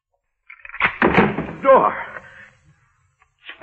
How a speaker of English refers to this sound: Door. Let me out of here.